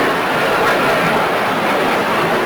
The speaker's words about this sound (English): It could be loud here when those planes buzz us. We got a lot of that yesterday, the day before.